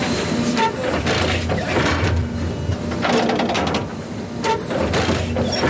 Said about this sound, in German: Alle paar Sekunden fährt das Müllauto-große Gerät ein ganz klein bisschen weiter und sticht mit einer Reihe Nadeln in den Rasen vom Europaparkstadion.